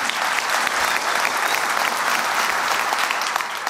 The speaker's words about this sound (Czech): Já vám řeknu, že potlesk je naprosto opojná věc. Opravdu.